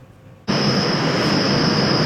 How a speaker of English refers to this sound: Residents near the Bloor Lansdowne GO station are calling for action from Metrolinx. They want the transit agency to install noise barriers in the area, saying the sound of passing trains is becoming unbearable.